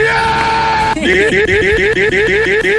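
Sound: person yelling loudly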